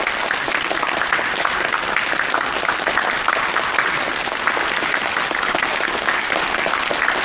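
An audience claps steadily to welcome the day's lecturer, a cultural relics expert, onto a program, a dense, even wash of many hands applauding with no pauses and no voices rising above it.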